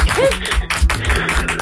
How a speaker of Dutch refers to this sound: Dames en heren, een applaus voor Rob Schepers.